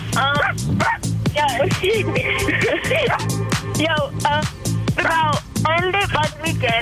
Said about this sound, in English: Who's that barking in the background? Certainly it's not a dog. It's a cat.